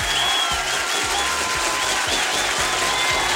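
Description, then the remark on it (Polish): A burst of applause, many hands clapping in a dense, steady roar at full volume for a few seconds, with a faint rhythmic thump underneath and no one speaking. “No brawo, panie Filipie!”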